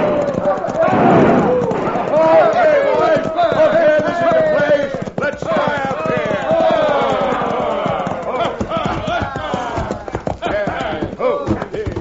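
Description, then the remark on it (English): A crowd of hoodlums ride their horses into the town of Dos Rias in a rapid, continuous drumming of hoofbeats, the men whooping and hollering over them, loud and steady throughout. “It all started when a crowd of hoodlums rode into Dos Rias, airing their lungs and triggering their guns.”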